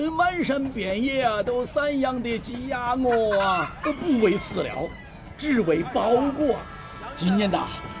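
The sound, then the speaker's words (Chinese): Several home-raised fat hens, three left for sale from a vendor in a train carriage and raised free-range in the mountains, cluck and squawk in a busy, overlapping chorus that runs throughout, with indistinct voices mixed in among the birds. “哎呀，自家养的肥母鸡呀、啊，还剩3只了啊！”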